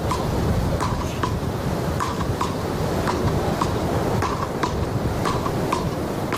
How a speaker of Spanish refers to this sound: Algunos lo habrán reconocido, son las palas, uno de los deportes más practicados en las playas españolas durante décadas, pero a todo le toca el turno de actualizarse también a este juego.